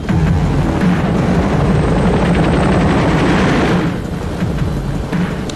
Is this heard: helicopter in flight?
yes